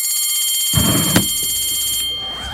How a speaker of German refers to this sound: es klingelt. Wir haben schon wieder überzogen. Ey, die Klingel gibt mir so Gänsehaut.